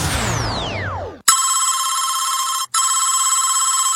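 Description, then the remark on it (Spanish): A falling electronic swoop gives way to a loud, steady telephone ring that sounds in two long bursts split by a brief pause, with no one picking up or speaking. “Caro no contesta, me pichó.”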